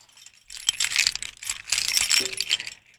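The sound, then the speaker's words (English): Bright metallic jingling of a bunch of keys being picked up and handled, in two busy bursts of clinking and rattling with a short lull between, no voices. “Okay, so let me get my keys.”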